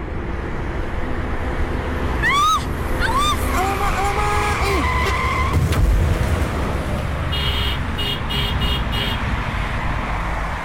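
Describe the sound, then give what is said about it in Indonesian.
Car tires screech in several short, rising squeals over steady road noise as a car skids, followed by a brief pulsing electronic tone, all fairly loud with no clear talking. “Licet lah mobil nih.”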